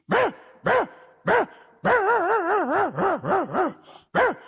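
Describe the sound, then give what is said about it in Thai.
A person imitates a small dog barking like a big dog: three sharp, high yips, then a rapid warbling run of yaps, and one last yip. The voice is fairly loud, with no other talking. “หมาน้อยนี่นะเวลามันเห่านะมันเห่ามาเหมือนหมาใหญ่เลยเปียวมันเห่าอย่างนี”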